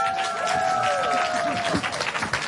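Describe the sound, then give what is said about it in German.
A crowd breaks into steady applause, dense clapping filling the space, with a few whistles and voices rising over it. “Applaus, nicht den Schnaps.”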